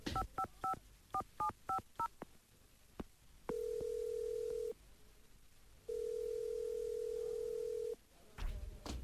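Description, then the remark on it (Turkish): A rapid series of short two-tone keypad beeps as a phone number is punched in, followed by two long steady ringback tones with a pause between, ending in a click. “Telefon neredeydi? Buldum.”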